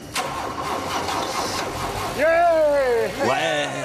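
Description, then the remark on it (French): A car engine, after three weeks of work on the car, is test-started: it cranks with a rough, churning rattle, then catches and roars to life, revving up twice in rising, droning pulses. Voices can be heard in the background. “Là, c'est le moment où on va savoir si tout ce travail a payé et si le moteur va démarrer.”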